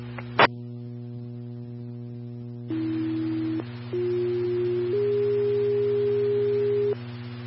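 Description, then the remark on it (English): A sharp click, then a sequence of steady electronic alert tones stepping upward in pitch, each held for about a second or two, over a constant low radio hum: fire dispatch tones sending Engine 1 and Medic 4 to an unconscious patient at North Allen Avenue and West Main Street. “Army 10 Engine 1, Medic 4, tones for an unconscious patient at North Allen Avenue and West Main Street.”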